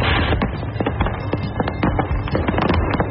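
A truck full of fireworks explodes on the I-75 interstate in Tennessee: rapid, crackling explosions go off in a dense, continuous barrage, with sharp pops and bangs overlapping one another at a steady loud level, no voices present.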